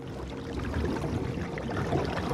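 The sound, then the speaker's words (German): Water sloshing and splashing at a lake's edge as carp come near the shore, a steady low rushing texture with soft irregular splashes and no voices. “Das waren Karpfen. Um die Zeit kommen die in Ufernähe.”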